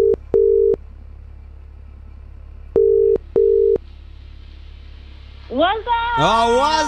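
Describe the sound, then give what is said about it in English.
Outgoing WhatsApp call ringing tone: two cycles of paired electronic beeps separated by a pause over a low steady hum, then a voice answers near the end. “Who are we doing the WhatsApp callback with tonight?”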